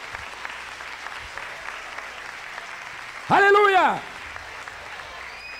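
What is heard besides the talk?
audience applause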